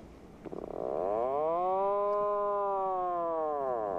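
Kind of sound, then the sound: bird, atlantic puffin call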